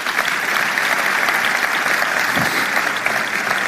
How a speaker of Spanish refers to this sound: Pueden dar un aplauso al Señor por eso.